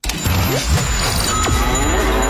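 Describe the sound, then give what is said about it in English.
A cow moos loudly, a single drawn-out low bellow over a steady noisy background, with no one speaking; a sound effect used as the cue for a cash cow giveaway contest. “We're going to start the cash cow next week, you guys. Yeah. Just a heads up, by the way, this is what you're going to be listening for.”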